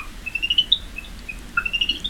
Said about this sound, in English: Spotted tree frog or cinnamon bush frog. Absolutely correct!